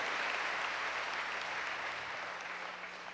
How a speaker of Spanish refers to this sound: Ellos también merecen hoy nuestro aplauso porque han escuchado la palabra de Dios y la han puesto en práctica.